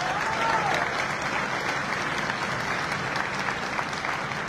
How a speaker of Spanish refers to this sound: Un saludo y un fuerte aplauso